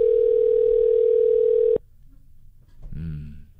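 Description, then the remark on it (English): A phone line rings with a steady electronic tone for nearly two seconds as a call is placed live on radio, then cuts off abruptly; after a short quiet pause, a voice begins speaking. “They can't do phone calls on podcast.”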